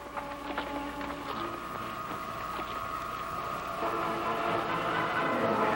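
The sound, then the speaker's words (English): A ship's engine drones steadily with layered mechanical tones, its pitch and texture shifting partway through as the engine is turned off. No one speaks. “turn off the engine.”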